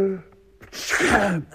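sneeze

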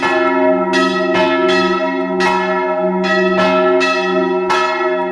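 church bells ringing

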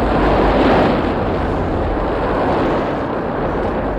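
ocean wave crashing

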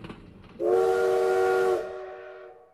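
steam train whistle

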